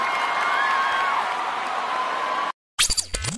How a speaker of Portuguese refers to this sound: Bem, muito obrigado demais pela presença de vocês, viu? Valeu, gente. Tchau, gente. Valeu, uma salva de palmas aí, gente.